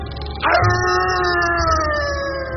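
A dog lets out one long, loud howl that starts abruptly and holds a steady, rich tone, its pitch sliding slowly downward as it fades over a couple of seconds.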